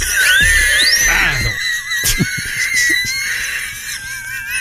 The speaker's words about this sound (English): Could I hear the whistle one more time, please? Of course, Doug. Anything for you. The commercial whistle.